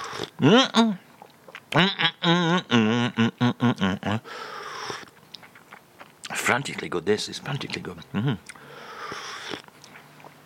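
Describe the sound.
Chewing and chomping of a biscuit with a vanilla centre, with wet, crunchy mouth sounds filling the pauses between bursts of a man's enthusiastic speech.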